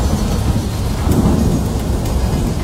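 A thunderstorm with steady, heavy rain hissing throughout and a deep rumble of thunder swelling near the middle, loud, with no voices.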